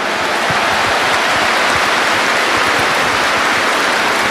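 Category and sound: crowd, applause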